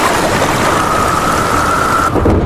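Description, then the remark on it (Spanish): A thunderstorm: heavy, steady rain hisses loudly and continuously, with a low rumble of thunder beneath it, briefly shifting near the end. No one speaks. “Comienza la temporada de tormentas y ¿tienes miedo de que se te inunde tu vivienda, negocio, garaje o trastero?”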